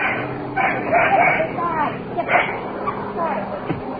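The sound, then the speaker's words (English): A puppy barks and yips in a few quick bursts over a muffled, noisy background with faint babble. “The puppy barks”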